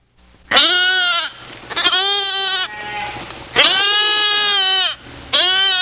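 Goats and sheep bleat while grazing, in a steady series of loud, drawn-out calls, each wavering cry following the last with only brief pauses, no voices present.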